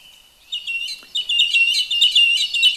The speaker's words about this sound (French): Nous passons maintenant à la grive musicienne.